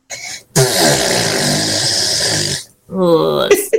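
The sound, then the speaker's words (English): A child's voice imitates her mum's farts: a long, loud, buzzy raspberry lasting about two seconds, followed by a shorter, sputtering blurt. “can you do me an impression of your mum's bottom burps, please?”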